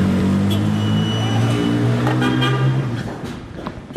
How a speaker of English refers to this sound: I was stuck in the traffic now. The number of cars in Damascus may be tripled since the fall of the regime.